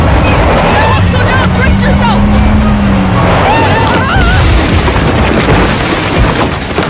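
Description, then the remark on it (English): A vehicle crashes into the Benedictus house, smashing its kitchen: loud, continuous crunching and rumbling debris with a droning engine underneath and shrill squealing, filling the whole stretch with little letup. “You smashed the Benedictus house! Look at his kitchen!”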